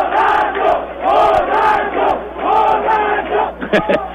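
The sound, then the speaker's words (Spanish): A football crowd at the Serrano Aguilar stadium chants 'borracho' at goalkeeper Gonzalo Valle in loud, rhythmic waves, voices rising and falling in a repeated sing-song phrase, with a few sharp shouts cutting through near the end. “le está acompañando Daverson y el público, escuchen.”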